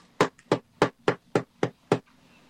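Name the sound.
knocking on a door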